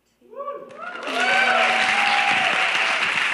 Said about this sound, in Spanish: Ya que estamos aquí, podríamos hacer el aplauso formal.